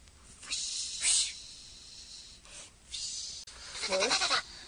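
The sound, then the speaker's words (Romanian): Repeated breathy swishing rustles come in several bursts, like something scraping and sliding down a chimney, with a brief higher bleating cry near the end. No one speaks. “Cred că lupul și-a dat drumul pe horn ca să ajungă în acest fel la noi.”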